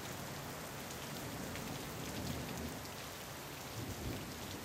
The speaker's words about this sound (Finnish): Jos lumi muuttaa akustiikkaa, niin muuttaa sadekin. Jokainen sade kuulostaa erilaiselta.